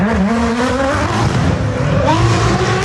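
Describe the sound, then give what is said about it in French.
A loud car engine roars continuously, its pitch climbing and dipping as it revs hard, like a race car accelerating, with no voices over it. “Ça me fait penser au bruit de votre voiture, Hervé.”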